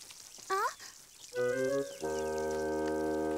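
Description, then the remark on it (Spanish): Steady morning rain hisses continuously outside the house while brief rising whistles and then sustained bright musical tones play over it; no one speaks. “No está lloviendo del otro lado de la casa.”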